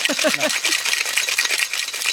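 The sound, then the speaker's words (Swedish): A cocktail shaker holding freshly squeezed lemon juice and ice rattles in fast, steady shaking, a dense bright clatter throughout, with a brief murmur of voices at the very start. “En shaker, är det A och O i varje hem tycker du?”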